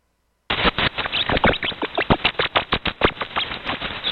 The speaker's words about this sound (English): That's their laugh. That's the squeaking, that laugh? That's the laugh. And they tickled them. That was a belly, like they're tickling on their belly. Yep, they laugh when you tickle their belly.